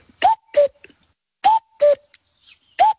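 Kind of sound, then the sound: bird, common cuckoo calling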